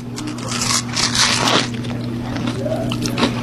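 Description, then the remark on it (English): Someone chews a bite of a butter tart dipped in donut batter and fried: moist, squishy crunching in uneven bursts, with a few crackly snaps, over a steady low hum and no talking. “Thank you for explaining that while I finish chewing and swallowing.”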